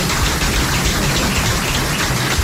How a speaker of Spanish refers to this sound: Así que pido un aplauso para él.